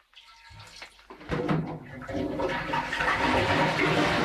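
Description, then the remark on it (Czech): Water is poured from a kettle in a steady, splashing stream after a few faint clicks, swelling into a continuous trickling rush that imitates someone urinating into a men's urinal. “My jsme jí teda museli naučit, jak z té konvice, kterou sugerovala to čurání, jak to asi zní na těch pánských pisoárech, protože ona to tam vrhla rovnou na jednou.”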